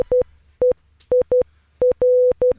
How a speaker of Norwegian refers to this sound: Og nå velkommen i studio, mannen som heter dette på morse.